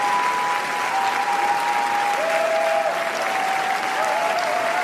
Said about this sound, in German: Die Währung, mit der beim wichtigsten Filmfestival der Welt Erfolg gemessen wird, heißt Standing Ovations. Und mit 12 Minuten anhaltendem Jubel und Applaus nimmt der französische Beitrag Garance in diesem Jahr eine Spitzenposition ein.